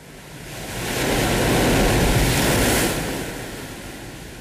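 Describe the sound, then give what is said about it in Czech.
Rough, stormy sea surf roars in bad weather in a broad, hissing swell that builds to a peak and slowly recedes, with a strong gusting gale blended into the continuous noise and no voices. “Stále je špatné počasí. Vichřice je horší než kdy jindy. Snad rozbouřené moře zdržuje další výpravu proti backupu.”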